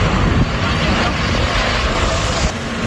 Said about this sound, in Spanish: Escucha, mira el helicóptero donde está echando.